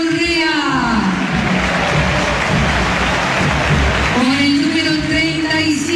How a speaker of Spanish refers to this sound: Con el número 24, Juan Cruz Mesa. Más aplausos aquí, ¿no?